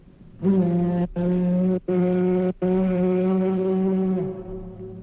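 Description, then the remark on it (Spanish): A loud cornet blares a short run of sustained, brassy notes, four blasts separated by quick breaks, the last held longest before sagging downward at the end. “El cochinito bueno, al oír tal trompetazo, se quedó perplejo.”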